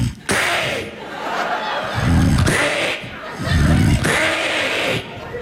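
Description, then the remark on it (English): A man loudly mimics his wife's snoring with his voice: about three rhythmic cycles of breathy, hissing inhales alternating with low, rattling, throaty rumbles, with no words spoken. “It's a very, very deceiving snore.”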